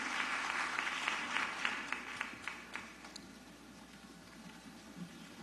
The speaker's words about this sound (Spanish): Aplauso cerrado para ellos.